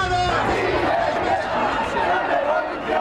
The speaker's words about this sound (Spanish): Así sonaban los gritos de la manifestación de ese 15 de mayo.